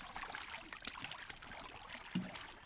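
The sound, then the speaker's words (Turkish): A boat moves across water, its steady hiss and splash of water forming a continuous, fairly quiet wash throughout, with one brief low thump near the end and no voices. “Bu o bahsettiğin tekne değil mi?”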